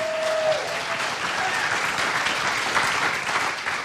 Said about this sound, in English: All right, that puts a wrap on Side A. Let's give a round of applause so far, Side A.